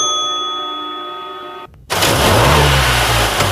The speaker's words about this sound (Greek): Ακούσε πως πάει, ακούσε υποδύναμη, ροπές! Που πάει σφαίρα το εργαλείο, άλλαξες μηχανή.